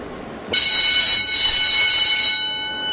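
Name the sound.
loud factory doorbell ringing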